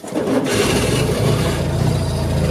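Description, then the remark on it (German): The petrol engine of an original Citroën 2CV (Deux Chevaux) turns over and catches within half a second, then settles into a loud, steady, buzzy two-cylinder idle with a rattly low drone. “Ihr Revival als elektrische Ente schwierig für echte Entenfans, denn die erkennen ihre Original Deux Chevaux am Sound.”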